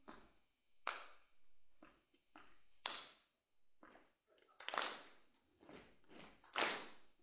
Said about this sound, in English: So I'll show you. It's a combination of stomping and clapping.